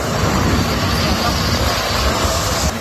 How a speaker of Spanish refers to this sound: ¿Escucha? Mira el helicóptero donde está echando.